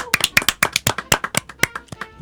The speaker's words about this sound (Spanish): Es que hoy tenemos unos invitados sorpresa. Y esos invitados son muy, pero muy especiales para Bit y nosotros. Esos invitados especiales son nuestros padres. ¡Aplauso!